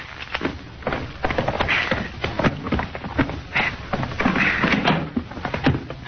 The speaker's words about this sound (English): All right, go ahead and open the door, short off. Here's the keys.